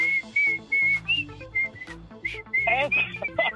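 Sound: whistled tune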